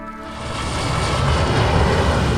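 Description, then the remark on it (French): A steady, loud Air France aircraft engine roar on arrival at Saigon swells slightly over the first moments and then holds a broad, even rumble, like a plane taxiing in, with no voices; outside temperature 36 degrees. “Ça fait 30 secondes que je suis descendu de l'avion”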